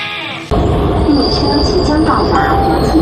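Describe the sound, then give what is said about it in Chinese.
A subway train roars through the metro station at the National Tennis Center, its ceiling shaped like the Diamond Court, a loud rumble with a thin high wheel squeal that starts abruptly after a brief quieter moment and holds steady to the end. “地铁站的天花板就是钻石球场的钻石形状耶， 第一门居然就在地铁口。”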